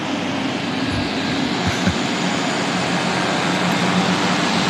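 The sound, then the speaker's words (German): A steady, dense mechanical roar of powerful engines and turbines fills the whole clip beside an airport runway in the Engadin, with a low hum beneath a broad hiss and no pauses. “Da sind irgendwelche Motoren und so. Also Turbinen und so richtig heftige Motoren.”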